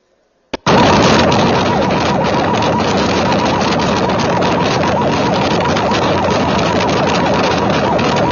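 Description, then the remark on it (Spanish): A loud, steady roar of many motorcycle engines bursts in after a brief pop and holds throughout, with rapid revving pulses running through the dense noise and no voices: a motorcycle caravan heading from Entre Ríos toward a gathering point at the Fátima fuel station. “Bueno, ahí estamos viendo a la caravana de motos que se dirige desde Entre Ríos.”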